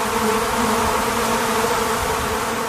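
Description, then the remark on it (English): An agitated honeybee colony buzzes at the hive entrance, the bees running up and down at the entrance: a loud, dense, unbroken drone of many wings with a steady low hum underneath, no voices, for the whole stretch. “These ones are running up and down at the entrance. The sounds here is not normal.”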